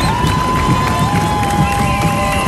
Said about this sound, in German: Hunderttausende werden wieder an der Strecke erwartet, die die Teilnehmenden anfeuern.